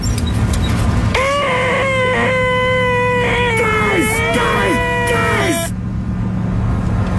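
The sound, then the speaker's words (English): Jim Carrey's loud, high-pitched nasal vocal screech from the movie Dumb and Dumber, the 'most annoying sound in the world', held for about four seconds with a wavering pitch and a few brief breaks, over a steady low rumble like a car engine. “Okay, that it is too early in the morning to hear that screeching sound.”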